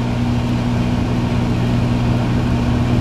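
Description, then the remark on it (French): A microwave oven running a 10-second heating cycle gives a steady electrical hum and low droning tone that holds evenly throughout, with no voices or other sounds. “Ok, voilà, là vraiment vous écoutez la radio, vous avez passé une journée de merde, là vous écoutez un micro-ondes qui tourne.”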